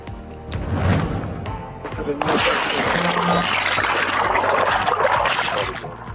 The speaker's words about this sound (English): A close call as this boat capsizes more on a dangerous flooding that hit over the weekend.